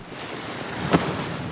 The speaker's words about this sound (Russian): Когда еще стояли холода, и день был прохладный, а ночь тихая, слышался только шум воды в фонтане.